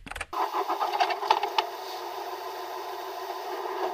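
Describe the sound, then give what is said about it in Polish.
A diesel car engine of about 2 litres cranks with a few rapid pulses, then catches and settles into a steady, fairly loud idle rumble. “Potem ktoś odpala silnik.”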